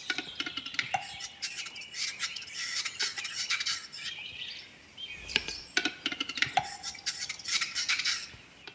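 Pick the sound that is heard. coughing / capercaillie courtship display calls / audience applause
capercaillie courtship display calls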